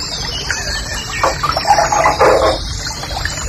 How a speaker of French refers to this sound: Un truc très joli, ça aussi. Ça, c'est le rossignol et cascade.